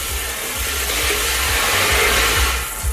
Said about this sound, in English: All right, let's spin those balls.